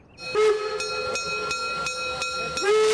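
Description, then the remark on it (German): A train's whistle sounds in a long, steady, high tone, broken by regular rhythmic clacks of wheels over rail joints, ending as the whistle swells again. No one speaks. The train runs on the Wutachtalbahn, also called Sauschwänzlebahn, in southern Baden, between Blumberg and Weizen, recorded in 2000. “Und das ist sie, die Bahn, die viele Namen trägt.”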